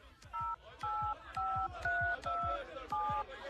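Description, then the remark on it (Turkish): A phone number being dialed to place a call in the evening: six short, steady touch-tone beeps in a quick, even sequence, each a clear two-note tone, with a faint low thudding underneath. “Aa, bir de Gülşen Hanım'ı arayayım. Belki o da açar telefonu.”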